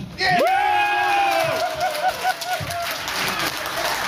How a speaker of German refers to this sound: Jubel bei den Olympia-Unterstützern aus Schleswig-Holstein, die hier zusammengekommen sind.